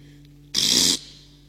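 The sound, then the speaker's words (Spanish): One short, loud fart, a breathy, hissing burst lasting under half a second, over a faint steady low hum. No voices. “Hay un ruido peculiar, he dicho peculiar y no pa, que a escondida se desliza y aunque no nos simpatiza por razones de moral, su variedad musical a todo nos causa risa.”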